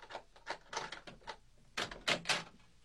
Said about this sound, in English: You can come out. Unlock the doors, then. I am.